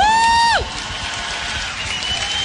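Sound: audience applauding loudly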